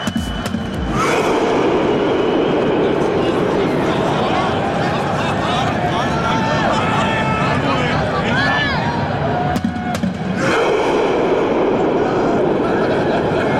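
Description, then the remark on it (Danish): A stadium crowd's rowing chant, started by Norway's national team as it celebrated reaching the round of 16: a massed roar of many voices that rises abruptly, holds loud and steady for about nine seconds with scattered higher shouts, then drops off sharply. “Det er sådan en ting, de havde kørende deres tilskuere under kampen, og så da de så havde vundet det hele, så var det simpelthen det landsholdet selv, der satte gang i den her roningslyd.”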